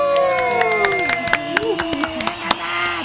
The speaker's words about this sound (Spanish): Un aplauso también para uno de sus voluntarios,